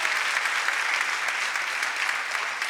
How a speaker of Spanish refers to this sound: Vamos a darle un aplauso a nuestros hermanos extranjeros.